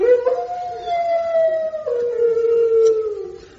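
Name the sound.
hound howling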